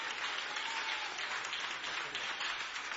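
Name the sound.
applause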